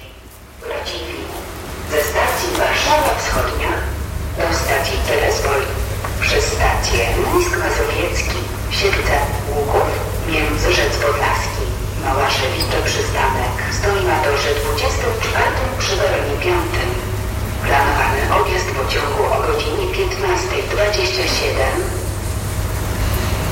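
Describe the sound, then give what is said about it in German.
Platform ambience at Berlin-Lichtenberg station: a steady low rumble of idling machinery beneath echoing, overlapping voices and scattered clatter, continuous throughout. “Die Krähen schwingen hier ihre Flügel über die Bahnsteige. Auf dem anderen Gleis, wenn gerade die Mülleimer leer gemacht.”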